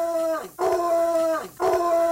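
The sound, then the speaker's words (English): A dog, the show's guard dog Houdini, howls twice in a row, each a long, steady, sustained wail with a brief dip between, loud with no talking. “Can dogs hear this? We have our guard dog on the show, Houdini.”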